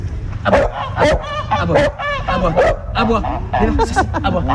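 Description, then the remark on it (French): A female dog barks on command, giving a rapid string of loud barks and yips mixed with whiny, vocal-sounding yelps, over a steady low hum in the background. “Alors regardez, on peut même faire un spectacle. Lever pied.”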